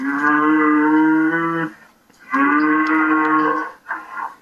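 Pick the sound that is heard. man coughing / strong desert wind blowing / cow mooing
cow mooing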